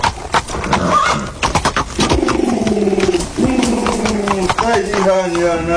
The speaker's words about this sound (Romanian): ridică-te în capul oaselor, că apare boierul calare pe calul lui